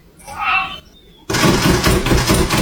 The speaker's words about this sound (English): Listen to the end here. When I say he speed bags that door handle, he really does.